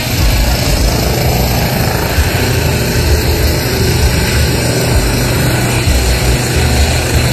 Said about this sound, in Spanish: Sonido en directo desde La Loza del hospital de Curicó, porque en este momento ya acaba de despegar, reiterar, este helicóptero de Carabineros que traslada a este funcionario de Carabineros que se encontraba en el hospital de Curicó